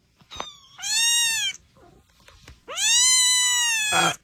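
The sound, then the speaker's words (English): A cat meows twice from inside a police car in Ellesmere, Delaware, each cry long, loud and drawn out with a rising then falling pitch, separated by a short pause with faint background noise. “They had a police car that kept meowing, and officers in Ellesmere, Delaware, say they occasionally had heard the meowing from the vehicle.”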